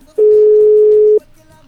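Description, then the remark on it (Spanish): A single steady telephone tone from an outgoing call placed by radio show hosts to a caller, lasting about a second at a constant mid-low pitch, loud and clear above a faint background before cutting off. “Así es de que vamos a ver si tenemos suerte y nos reciben la llamada.”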